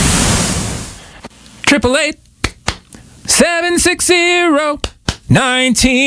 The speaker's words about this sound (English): I don't know why I added clapping either.